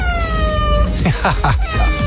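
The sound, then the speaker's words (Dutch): A cat named Jesse, waiting for food, meows several times in quick succession, short rising-and-falling cries repeating in a rough rhythm after a steady droning tone at the start. “Ik heb zelf twee katten.”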